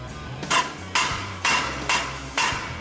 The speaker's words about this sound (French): Je frappe avec un maillet sans rebond pour bien aligner tout ça.